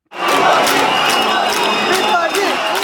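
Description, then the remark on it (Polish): At the Strážnice folklore festival, a large crowd boos and shouts at minister of culture Oto Klempíř, preventing his speech, in a loud, continuous roar of overlapping voices, steady throughout with scattered sharper yells rising above the din. “W piątek widzowie buczeniem i okrzykami nie dali wygłosić przemówienia ministrowi kultury Ocie Klempierzowi.”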